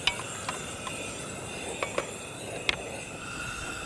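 Water is added to a hot, sizzling pot while making pumpkin soup, giving a steady, moderately loud hiss broken by a handful of sharp metallic clinks from a utensil against the pot. No one speaks.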